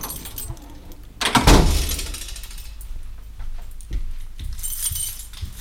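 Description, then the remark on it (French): The door of the Radio Canu radio station at 24 rue du Sergent Blandan is unlocked and opened: keys jangle and a latch clicks, then a loud rattling burst as the door swings, followed by softer scraping and a few more clicks. “ouvre la porte de la radio”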